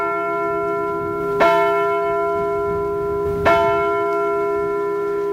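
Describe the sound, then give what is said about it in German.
A church bell strikes three o'clock in the afternoon, tolling slow, evenly spaced hour strokes, two heard here, each a bright clang followed by a long, ringing hum that carries between strikes. No voices. “Die Glocken haben den Tag begleitet und mit der Anzahl ihrer Schläge die Zeit angesagt. Zum Beispiel, es ist 3 Uhr nachmittags.”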